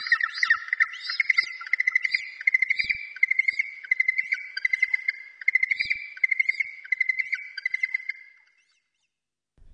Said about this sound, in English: The Hoi Haw. The Yellow-Eyed Penguin.